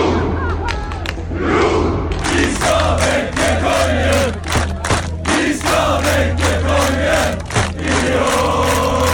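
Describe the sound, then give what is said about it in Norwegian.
A large crowd of football fans celebrates in the streets of Oslo, Norway, at night after Norway beat Senegal 3-2. They roar and chant in a loud, continuous wall of shouting voices punctuated by occasional thumps and bangs. “Det var full fest og stormende jubel I Oslos gater etter at Norge slo Senegal 3-2 I natt.”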